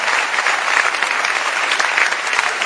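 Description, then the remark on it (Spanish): A dense, steady burst of applause from a sizable audience, many hands clapping at once in a continuous wash of sound, fairly loud and sustained throughout with no voices standing out. “Fuerte el aplauso para los padres que nos hacían cagar.”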